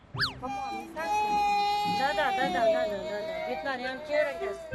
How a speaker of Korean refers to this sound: 대프리카답게 유난히 더웠던 이날의 대구. 피곤도 한데다 아마도 더워서 그랬는지 막내의 투정이 시작됐는데요.